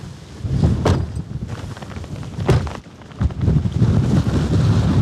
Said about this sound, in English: So we're just standing on one of the high points on the farm. We can see rough... I'm just going to shield you so the wind is coming that way.